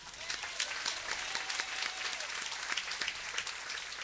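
An audience claps steadily for several seconds, a dense patter of many hands, with faint murmurs and a brief tonal sweep in the background, applauding those who kept the toilets clean during the day's event.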